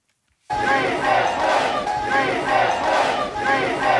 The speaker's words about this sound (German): Mitten in der Nacht feiern Rettungskräfte, Helfer und Angehörige in Cali. Sie heben die Arme, jubeln und rufen. Ja, wir schaffen das. Gerade eben haben sie in der 2 Millionen Einwohnerstadt eine Person aus einem mehrstöckigen Gebäude gerettet.